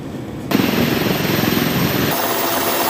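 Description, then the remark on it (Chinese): Several types of military helicopters from a brigade of the Chinese Army's 73rd Group Army fly in mixed formation during training: a loud, steady rotor roar with fast, rhythmic blade thumping cuts in after a brief quieter moment and continues throughout, with no voices. “连日来，陆军第73集团军某旅多型直升机混合编组多克姆同场组训，从难从严锤炼飞行员技战术水平。”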